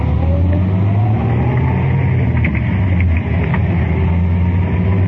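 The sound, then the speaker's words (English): A car engine accelerates, its loud steady drone rising gradually in pitch over about five seconds as the car picks up speed making a U-turn on a street after other cars pass, with road rumble underneath and no talking. “Now, in just a couple more moments, we should get a shot to make that U-turn.”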